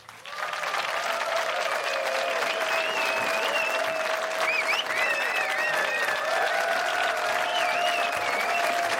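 An audience claps loudly and steadily for about nine seconds. A sustained tone and some wavering, whistle-like sounds run through the applause.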